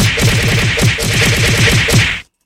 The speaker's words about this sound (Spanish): Mándale, por favor, una lluvia de cocazos. ¡Órale, cocazo!